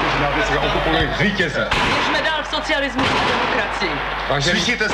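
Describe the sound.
Gunfire cracks out amid a noisy crowd of shouting voices on a street, heard in a lo-fi old recording with a steady low hum and abrupt jumps between moments.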